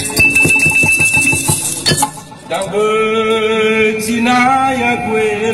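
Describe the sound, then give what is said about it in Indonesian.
Stones of a pita batu are struck in a quick run of bright clinking hits, then several sustained, ringing notes at different pitches overlap and hum on, fairly loud with no voices. The pita batu is a nearly extinct lithophone made of a number of stones that each produce a certain tone. “Pita batu adalah alat musik yang terdiri dari sejumlah batu yang dapat menghasilkan nada tertentu.”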